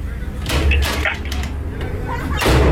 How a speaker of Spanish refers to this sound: ¿Quién toca la puerta?